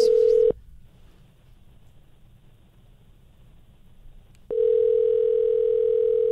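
A steady, low-pitched telephone dial tone drones loudly as a phone with poor keys is dialed very slowly, cuts off for about four seconds of faint hiss, then returns just as steady and loud. No voices are heard.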